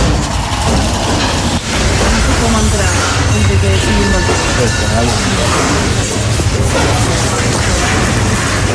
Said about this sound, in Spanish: Chatarrería en el barrio de Poblenou, Barcelona.